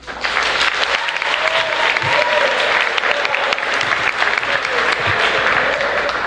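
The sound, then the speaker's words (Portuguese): An audience at a church vigil applauds steadily to welcome Pastor Rubens Silva, a dense, loud patter of many hands clapping that holds its level throughout, with faint voices murmuring underneath. “Dito isso, receba aplaudindo o senhor pastor Rubens Silva.”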